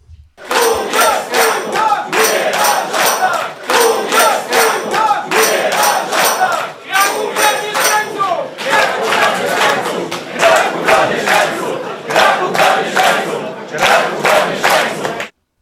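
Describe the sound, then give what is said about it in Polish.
The campaign staff of Łukasz Gibała shouts and cheers loudly right after television shows the election results, their voices rising in steady, rhythmic chant-like bursts that carry on without a break for about fifteen seconds. “to naturalna reakcja w sztabie Łukasza Gibały zaraz po tym, jak telewizje, no które zawsze w sztabach są oglądane, odliczały i zaraz po tym, jak pokazały się te wyniki wyborów, to w sztabie Łukasza Gibały i jego współpracownicy krzyczeli tak.”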